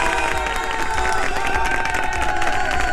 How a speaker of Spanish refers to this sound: Un aplauso